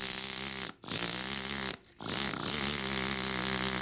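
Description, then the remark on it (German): A compressed-air hammer rattles steadily against a gravestone, shaping the stone and inscription, in a loud, continuous buzz, stopping briefly twice before starting up again. No one speaks. “Heute wird der Hammer mit Pressluft betrieben.”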